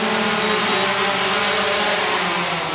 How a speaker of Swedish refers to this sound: Känner vinddraget av den. Det ser ut som ett miniflygplan. Ett vitt 2,5 meter i vingspann.